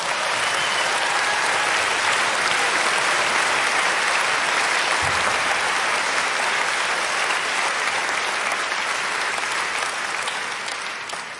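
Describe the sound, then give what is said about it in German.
An audience claps steadily for about eleven seconds for a man wearing a costume, a dense, loud wash of many hands that holds even throughout and tapers slightly at the very end. “Ich mache nur, okay, Applaus für ihn.”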